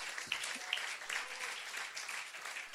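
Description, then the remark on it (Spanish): A crowd claps steadily and densely for a few seconds in praise of the Lord, a broad wash of many hands with occasional sharper claps standing out. “¿Cuántos alaban al Señor ahora? Dele fuerte ese aplauso si es para Él.”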